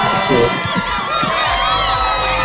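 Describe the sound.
A loud, continuous burst of audience cheering and applause, with many voices whooping and shouting together over dense clapping that holds steady throughout.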